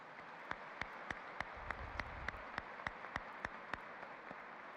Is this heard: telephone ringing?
no